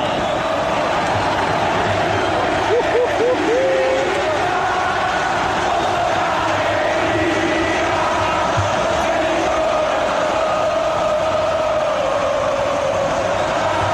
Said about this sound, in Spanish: Se eleva el grito por Boca. Enloquecidos los habitantes del templo, escuchalo.